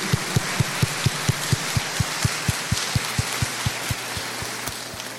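A crowd applauds a woman and her family in a dense, hissing wash of clapping, with a steady low thumping pulse repeating about four times a second throughout. No one speaks.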